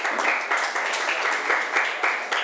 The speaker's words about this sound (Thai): ขอบคุณค่ะปรบมือให้เพื่อนหน่อย